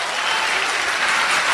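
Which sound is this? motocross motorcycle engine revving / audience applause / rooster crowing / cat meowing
audience applause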